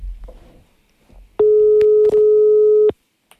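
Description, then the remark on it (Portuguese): A telephone ringing tone sounds once as a mobile phone is called: a steady, loud electronic hum lasting about a second and a half, heard clearly over the line after a moment of faint background noise. “agora é a altura também de estar atento ao telemóvel, porque pode ser o teu que vai começar a tocar.”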